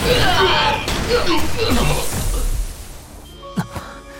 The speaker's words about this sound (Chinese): 为什么突然会爆炸？